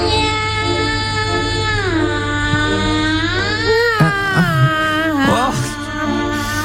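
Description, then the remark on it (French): Operatic singing voices perform Rossini's cat duet, imitating cats with sustained, wavering meow-like notes that slide up and down in pitch, loud and continuous over a steady low hum. “C'est le duo des chats de Rossini, c'est extraordinaire.”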